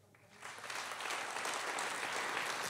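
Applause from a crowd at a ceremony in the Bremen Bürgerschaft marking 50 years of the Weißer Ring victim support organization swells up over the first second and then holds steady, a dense, even wash of many hands clapping with no voices standing out.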